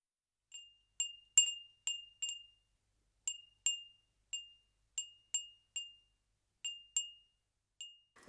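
An Edo furin, a traditional hand-blown glass wind chime from Tokyo (formerly Edo), Japan, tinkles with about a dozen bright, ringing strikes at irregular intervals, each fading quickly, clear with no voices.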